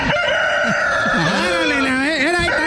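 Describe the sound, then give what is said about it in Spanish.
A loud rooster crow from a pressed sound button rings out, a long wavering cock-a-doodle-doo with a bright, slightly tinny, electronic quality, filling the whole moment with no talking over it. “Es que sale como un gallo. Ahí estamos, un gallo.”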